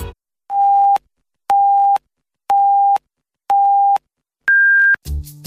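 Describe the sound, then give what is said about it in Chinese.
Five evenly spaced electronic beeps, one per second: four identical mid-pitched tones followed by a longer, higher final beep, the top-of-the-hour time signal marking 9 o'clock Beijing time on Huairou People's Radio Station, FM 101.3, ending in a brief burst of noise. “北京时间9点整”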